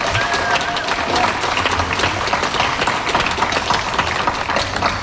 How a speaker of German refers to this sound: Ich finde, es ist auch mal ein Applaus wert für unsere Bühnenbauer und Techniker. Die haben wirklich sehr viel Zeit.